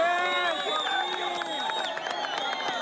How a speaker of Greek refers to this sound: Εθελοντές και διασώστες ξεσπούν σε χειροκροτήματα.